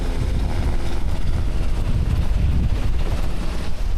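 Two Black Hawk helicopters take off near Brio, France, carrying full Bambi buckets of water (about 2,500 litres each) to fight a fire about 3 kilometres away: a steady, heavy roar of engines and rotor wash with deep rumbling low end and constant loudness, buffeted by wind noise on the microphone. No one speaks.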